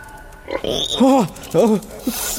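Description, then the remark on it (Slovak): Imperial pigs that dug a hole through the ground into a dungeon grunt and oink, with two drawn-out, rising-and-falling oinks and a few short grunts in quick succession over a faint background hiss. “Prasiatka moje! Ako ste ma tu našli?”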